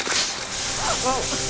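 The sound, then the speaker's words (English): Lawn sprinklers spray water in a steady hiss that fills the whole clip, with a voice briefly audible underneath toward the end. “Sprinklers.”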